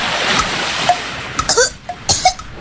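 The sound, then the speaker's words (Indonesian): A splash of someone jumping into the sea, followed by a rushing, bubbly wash with a few short gurgling bursts, fairly loud, with no voices. “Tuh kan, kamu gak harus jadi paus dulu untuk ngerasain keselek sampah waktu nyebur ke laut.”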